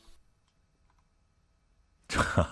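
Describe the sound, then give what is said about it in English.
Near-silence with a few faint clicks, then a loud, bright sample from a Bowden vocoder, a synthetic robotic voice played while changing keys, bursts in abruptly for the final half-second. “This is the sample of the Bowden vocoder. It sounds relatively close to the Moog vocoder.”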